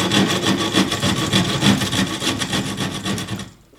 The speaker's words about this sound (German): Ich hatte ihm ein Stück Bohle gegeben, Linien drauf aufgerissen und da sollte er dann möglichst genau längs schneiden. Und wie das wohl bei den meisten Anfängern ist, hört sich das dann so an. Moment mal, ich mach's mal gerade vor.